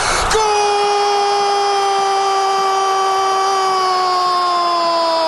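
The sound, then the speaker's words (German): An Argentine television sports commentator's long, sustained goal scream after Messi's goal for 3:0: one loud, unbroken vowel held at a nearly steady pitch for the whole clip, sagging slightly lower toward the end. “Er schreit immer noch.”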